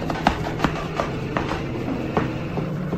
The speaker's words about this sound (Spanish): Un caballo se acerca. Ha de ser un viajero que llega, padre.